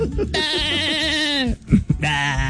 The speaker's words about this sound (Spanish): llega nuestro mexicano. El chivo.